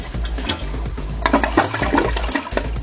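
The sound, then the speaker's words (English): A toilet flushes in one loud, continuous rush of swirling water with a deep low rumble, with no voices. “Don't flush snakes down the toilet.”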